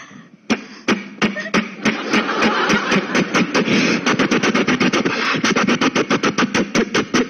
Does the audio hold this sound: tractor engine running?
yes